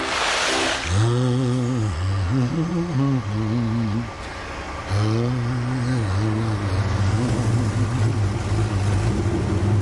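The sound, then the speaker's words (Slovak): A heavy truck engine rumbles, its pitch climbing and dropping through several revving surges, loud and steady, after a short hissing burst at the start. “nakladné auto?”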